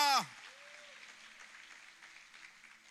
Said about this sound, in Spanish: Alguien que lo reciba, por favor, renueve ese aplauso. Quizás lo tenga cansado, agotado, pero dele más fuerte en esta mañana.